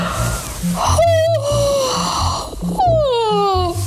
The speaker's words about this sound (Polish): Na początek oddychanie, czyli głęboki wdech nosem i wydech buzią. I tak 5 razy. Wdech nosem, wydech buzią.